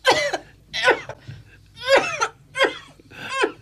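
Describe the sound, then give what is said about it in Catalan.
A woman's violent fit of coughing: five harsh, loud bursts in quick succession as she covers her mouth with a handkerchief, each racking cough separated by brief strained breaths, with a faint low hum underneath. “De cop, una fuetada de tos violenta.”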